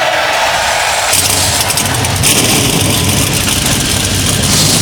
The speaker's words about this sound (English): And drivers, start your engines.